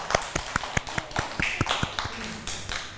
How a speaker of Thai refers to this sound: เด็กๆเก่งมากครับปรบมือให้ตัวเองด้วยค่ะ